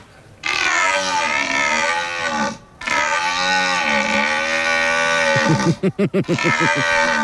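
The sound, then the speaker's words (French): A person imitates a red deer stag's bellow at a stag-bellowing imitation competition in Belgium: two long, loud, groaning roars with a brief break between, ending in a rapid series of short grunting pulses. No speech. “Ayant entendu plusieurs fois le brame en vrai, je trouve que c'est assez réaliste”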